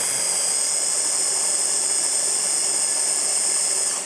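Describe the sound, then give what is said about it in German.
An electric blender mixes ingredients including anchovies, running steadily for about four seconds with a loud, high whirring motor whine of constant pitch and no talking over it. “So, und jetzt muss ich hier einmal wirklich alles ordentlich mixen.”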